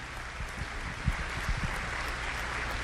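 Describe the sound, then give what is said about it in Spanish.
A church audience applauds those who invited people to the service, a dense, even wash of clapping that holds at a constant level for the whole stretch, with a few heavier thumps in the middle and no voices over it. “Un aplauso a aquellos que hoy utilizaron su fe, su tiempo, su sacrificio.”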